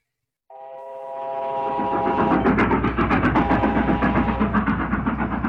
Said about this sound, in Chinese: 一列北上的火车在华北平原疾驶，车厢里解放军们欢声笑语